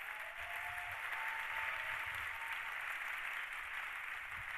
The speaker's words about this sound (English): Yes, give the Lord a clap of praise.